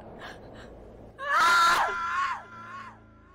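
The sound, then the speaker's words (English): A woman lets out a loud, piercing scream of terror that rises sharply, holds for about a second, then trails off into a wavering, fading cry. Short breathy sounds come just before. “Mark, hearing Evie screaming, rushes up the stairs, only to find the bedroom empty.”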